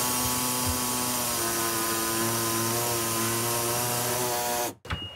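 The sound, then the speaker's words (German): A loud, continuous power saw whines steadily through sheet metal for nearly five seconds, its pitch shifting slightly as it cuts, then cuts off abruptly. No one speaks. “So, sägen wir das mal weg.”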